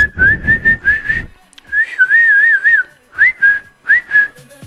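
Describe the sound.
A person whistles, clear and fairly loud: three quick notes, a longer wavering warble, then two short rising chirps, with no talking; whistling to try to get a sleeping bird to sing.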